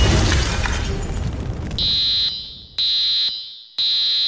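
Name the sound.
residential fire alarm sounding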